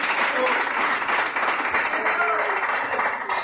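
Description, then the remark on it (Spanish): A church audience applauding the Lord in a steady, dense wash of clapping that holds for a few seconds, with shouting voices mixed into the crowd noise. “¡Fuerte aplauso al Señor, hermanos!”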